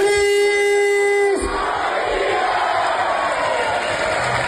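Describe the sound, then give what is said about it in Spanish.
A crowd of Águilas Fútbol Club fans in the town of Águilas roars and chants, celebrating the club's promotion to Primera Federación with one of its captains. It is a sustained, loud mass of voices; a strong shouted tone at the start gives way to dense cheering and yelling. “El Águilas Fútbol Club, ya saben, festejó su ascenso a Primera Federación con su gente y así estaban con uno de sus capitanes”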